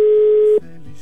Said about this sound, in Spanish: Ya está sonando el teléfono